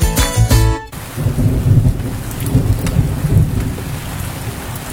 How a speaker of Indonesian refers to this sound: Kalian pasti pernah ngalamin ini. Hujan turun, udara jadi sejuk, dan tiba-tiba muncul aroma khas yang bikin rileks banget.